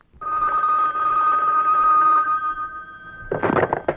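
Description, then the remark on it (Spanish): A telephone rings with a steady, continuous electronic tone for about three seconds, loud, then cuts off into a short burst of rustling noise as if the handset is picked up. “Vean, ahí sí huela, ya le parece que yo le quito el teléfono, mire.”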